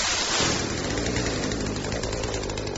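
A chainsaw, brought along for a plumbing job, runs loudly and steadily for the whole stretch, a harsh buzzing roar with a low throbbing drone beneath it and no voices.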